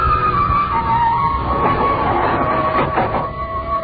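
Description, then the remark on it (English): An elevator car rises with agonizing slowness, with a steady mechanical rumble and a thin whining tone running through it, continuous and fairly loud, with no voices. “Kept watching, peering at me furtively as the elevator moved upward with agonizing slowness.”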